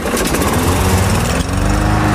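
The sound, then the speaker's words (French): A lawn mower engine roars loudly, a steady rough mechanical drone with a brief stutter partway through before it carries on running. No voices are heard. “L'épreuve de la tondeuse, hein, la tondeuse qui des fois a du mal à démarrer quand on veut faire une petite coupe nickel à la pelouse.”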